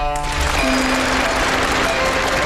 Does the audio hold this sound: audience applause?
yes